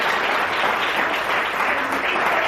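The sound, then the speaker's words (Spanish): Sustained applause from a large crowd praising the Lord during a sermon, a dense, steady wash of clapping at an even loudness throughout with no voices standing out. “¿Cuántos alaban al Señor en esta hora? Que le fuerte ese aplauso, si es para él.”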